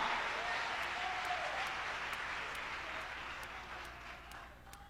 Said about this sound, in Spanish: ¿Quién va a aplaudir al Señor bien fuerte? Aplauda, aplauda, esa presencia está aquí ahora.